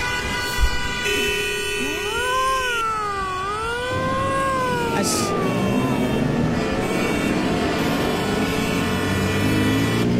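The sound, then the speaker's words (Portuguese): A short radio traffic-report jingle, played at the close of a traffic update, opens with a wailing, siren-like rising and falling tone over a steady musical bed, the siren fading after a few seconds as the music continues to the end. “E como não teve vinheta antes, tem na saída.”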